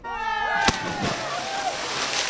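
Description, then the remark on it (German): A sharp, heavy splash as a person cannonballs into turquoise, salty sea water, followed by sloshing and churning water, with voices calling out in the background. “Sie hören gleich noch final mit einem Tschüss den Aufprall von Michael Friemel und seiner Arschbombe”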